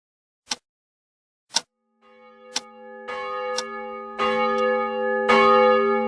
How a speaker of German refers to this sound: Die Kirchenglocke mahnt uns zur Eile.